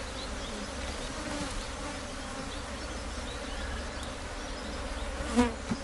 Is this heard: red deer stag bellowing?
no